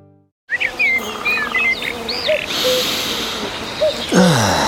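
A persistent, thin mosquito buzz hums steadily and close, with scattered bird chirps and a busy outdoor background; no one speaks.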